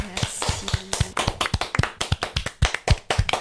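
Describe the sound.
Applause from a small group for a singer: a steady stream of sharp, overlapping hand claps, moderately loud and slightly uneven in rhythm, with a faint voice underneath at the start.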